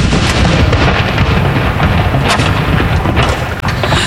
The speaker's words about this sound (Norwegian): Hun står rett bak de som, som avfyrer disse saluttene. Andre kanon! Inn!